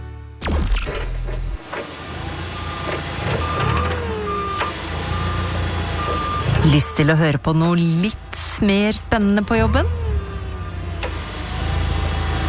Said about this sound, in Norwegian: Åh, kopimaskinen har hengt seg opp igjen!